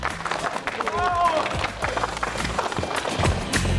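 An audience at a TV programme's live taping breaks into steady applause to welcome a guest, a dense, irregular patter of many hands clapping that holds at an even loudness for about four seconds, with a brief tonal sweep early on.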